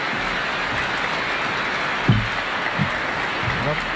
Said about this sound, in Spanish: Vamos a recibirle, a escucharle con mucha atención y a poder aprender un poco de lo que nos va a comunicar. Le recibimos con un fuerte aplauso y damos gracias al Señor.